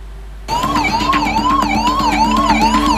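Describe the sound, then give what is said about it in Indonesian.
An ambulance siren wails loudly, its tone sweeping up and down in a fast repeating cycle, with a low engine rumble underneath and no talking, as ambulances arrive to carry the injured and dead after a clash among inmates at a prison in Negombo, Sri Lanka. “Ambulans pun silih berganti berdatangan untuk mengangkut para korban luka dan tewas”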